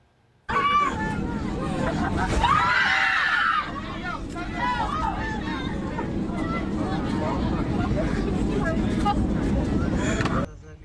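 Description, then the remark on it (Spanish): Dozens of passengers on a Volaris flight from Las Vegas, Nevada, to Guadalajara, Jalisco, scream and shout over a steady low cabin roar after an engine reportedly caught fire shortly after takeoff, with a loud cluster of high-pitched screams early on and overlapping frantic voices continuing throughout. “Y los gritos dentro de la cabina de un avión reflejaron el miedo que vivieron decenas de pasajeros.”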